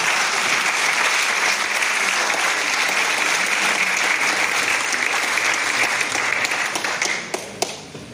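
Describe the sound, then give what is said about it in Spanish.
Sustained applause from an audience, a dense wash of many hands clapping at steady loudness, thinning toward the end with a few separate claps standing out, as the consul of the Republic of Cuba is introduced to speak. “Ahora le doy paso al cónsul de la República de Cuba, que viene también a dar sus palabras. Aplausos.”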